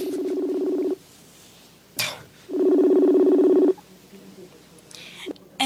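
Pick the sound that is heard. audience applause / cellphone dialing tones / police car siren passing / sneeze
cellphone dialing tones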